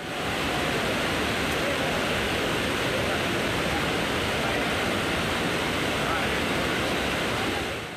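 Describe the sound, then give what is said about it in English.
A loud, steady roar of water pouring over the overflowing Bushi Dam in Lonavala after continuous monsoon rainfall, a dense unbroken rush that holds constant for the whole stretch with no pauses. “Continuous rainfall has caused the Bushi Dam in Lonavala to overflow, attracting large number of tourists.”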